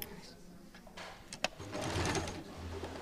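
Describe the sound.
A sewing machine, used by a team making a skirt from a pair of trousers, runs in a steady, rapid stitching whir with a sharp click partway through, with faint voices in the background.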